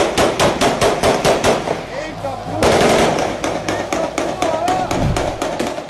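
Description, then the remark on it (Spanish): A sustained burst of gunfire after a championship win over Parque União: loud, sharp cracks firing in rapid, steady succession for several seconds, briefly pausing and then resuming, with voices audible faintly underneath. “Según las autoridades, se está investigando quiénes fueron los que desataron la lluvia de balas.”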